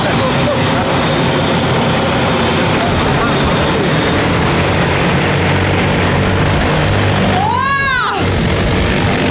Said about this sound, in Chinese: 哇，这个飞机真的是那个力气，感觉拉这个150斤的竹子特别的轻松就走了。 吊竹子呢，大概像这里是大概是200米左右，一来一趟来回大概是2分钟就搞定。